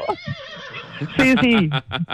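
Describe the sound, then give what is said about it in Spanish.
A person imitates a horse's whinny with a loud, quavering vocal neigh that slides downward, followed by a few short breathy snorts. “Caballito que te pone a relinchar.”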